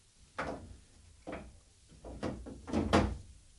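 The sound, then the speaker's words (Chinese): Several loud knocks bang on a wooden door in an irregular series, the impacts sharp, growing heavier toward the end. “唉，咩人喺度乱咁拍门啊？”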